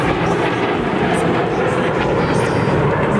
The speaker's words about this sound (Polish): Trwa defilada z okazji Święta Wojska Polskiego. Tłumy odwiedzających obserwuje najnowocześniejszy polski sprzęt wojskowy. Na niebie pojawiły się m.in. myśliwce F-16, F-35, a także m.in. samoloty F-50.